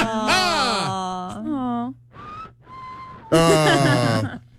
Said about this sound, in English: I don't think people whistle when they're sad. So, oh, I think we have the sad whistler on the phone.